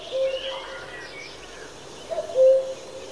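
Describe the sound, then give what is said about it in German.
A male common cuckoo calls in a spring forest in Austria, its soft hollow notes with one note early on and a clear two-note 'cuck-oo' near the end over faint woodland ambience. “Ein Kuckuck in einem Wald in Österreich.”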